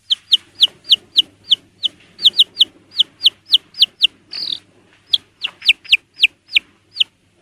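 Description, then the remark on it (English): A single baby chick peeps over and over, a fast, slightly uneven string of shrill, high chirps, clear with no other sounds around it. “They're the same baby chicks. For just a moment, let's listen to this one little fella alone.”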